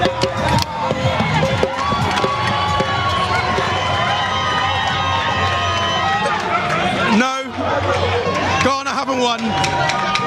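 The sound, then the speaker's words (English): A large crowd of football fans at a match roars and cheers continuously, a dense wall of voices and shouts filling the whole stretch, with a brief dip before the noise surges back up. “These guys have been screaming all game, and they are delighted.”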